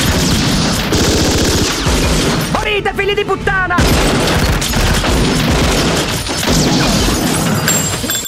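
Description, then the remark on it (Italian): Loud, dense gunfire rattles almost without pause for several seconds, a harsh continuous barrage, while a man shouts angrily in the middle of it, as robbers kill all the hostages before a shootout with the police. “Ma prima dobbiamo uccidere tutti gli ostaggi come vuole la tradizione.”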